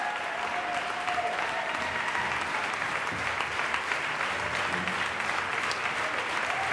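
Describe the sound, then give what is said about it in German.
Sustained, dense applause from a large audience for conductor and director Georges Petrou and his orchestra after a staged performance, a steady wash of clapping at even loudness throughout with no gaps, a faint murmur of voices mixed in. “Und jetzt auch seinem Orchester den verdienten Applaus zukommen lässt.”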